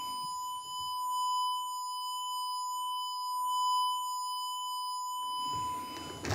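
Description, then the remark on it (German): A steady, piercing whistling tone simulating tinnitus holds one unchanging high pitch for several seconds, alone and unbroken, before a brief rush of noise at the end. “Das ist nicht nur irgendwie ein Säuseln, das man im Ohr hat oder so, sondern das ist ein Pfeifen, das halt wirklich, ich nenne es mal so, durch den Kopf geht.”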